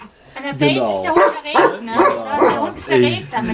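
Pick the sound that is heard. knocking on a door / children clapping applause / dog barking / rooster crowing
dog barking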